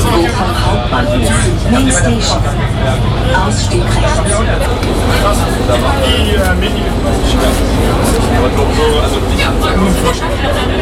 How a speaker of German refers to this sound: Angekommen am Bochumer Hauptbahnhof. Ein bisschen erleichtert steige ich aus der U-Bahn aus.